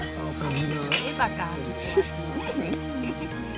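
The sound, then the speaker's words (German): Glasses clink together in a toast to the evening, a few bright ringing taps heard over people chatting. “Auf den Abend. Ja, Prost.”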